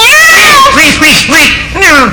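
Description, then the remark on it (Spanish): A storyteller's voice imitates a cat character, letting out several loud, drawn-out meows in quick succession, each rising and falling in pitch, clear with no other talk. “Esta noche voy a tener pesadillas, miau.”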